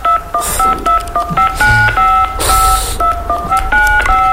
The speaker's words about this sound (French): Alors, tape tout d'abord les 16 chiffres de ta carte de crédit sur ton clavier.